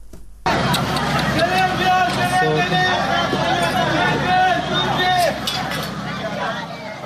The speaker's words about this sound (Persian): این صداها نخستین دقایق پس از وقوع انفجار در یک مراسم عروسی در سیریک را ثبت کردند، جایی که بنابر گزارش هلال احمر هرمزگان در جریان حملات هوایی آمریکا ترکش‌های یک موشک به آن اصابت کرد.